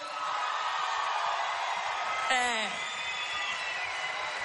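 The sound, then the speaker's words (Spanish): Audience applause at a show in Buenos Aires, as a special guest is called onto the stage: a steady wash of clapping runs throughout, and midway a sharp whistle-like whoop rises above it before the crowd noise carries on evenly. “Más fuerte el aplauso.”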